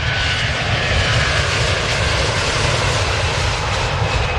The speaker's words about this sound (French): 1300 avions par jour, un avion par minute. C'est l'état du trafic actuel de l'aéroport de Roissy et ce serait 344 de plus par jour selon le projet d'agrandissement.